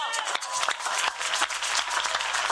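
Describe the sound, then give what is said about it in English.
A crowd of people applauding together, a dense wash of overlapping claps with steady energy throughout, no voices standing out, as an audience claps during a sermon. “Clap, clap, clap, clap, clap.”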